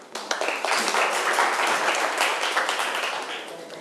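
A burst of applause from a group during a maths lesson, called for by the teacher: many hands clapping in a dense, crackling wash that swells quickly, holds steady, then tapers slightly toward the end, with no voices over it.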